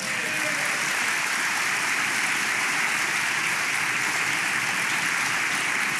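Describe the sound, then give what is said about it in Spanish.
An audience applauds the Lord, a dense, continuous wash of many hands clapping at a sustained, even loudness for several seconds with no talking over it. “¿Alguien puede dar un aplauso al Señor?”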